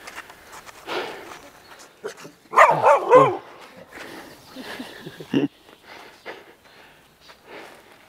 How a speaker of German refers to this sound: Ich muss ganz ehrlich sagen, das hat mir gerade ein bisschen Angst gemacht, wie Ihr Hund sich hier so, wie er so ankam.